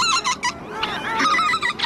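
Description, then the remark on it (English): Several geese honk over and around one another in a dense, overlapping chorus of harsh, nasal calls, steady throughout, with no voices, in the vast Arctic wetlands around Tshekpuk Lake, a breeding ground for millions of birds. “The wetlands around Tshekpuk Lake are among the most vast in the entire Arctic. They're critical for millions of birds to breed every year.”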